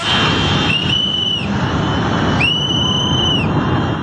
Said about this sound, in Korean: 누군가 호루라기를 불며 작업자들에게 경고하지만 순식간에 건설 중인 댐을 덮칩니다.